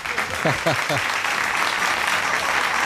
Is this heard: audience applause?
yes